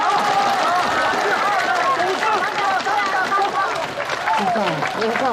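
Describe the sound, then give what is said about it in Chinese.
A crowd claps steadily while many overlapping voices cheer and chatter, a dense, loud wash of sound that holds at the same level throughout, as the first group of contestants at a competition is called on stage to perform. “掌声不要停了。”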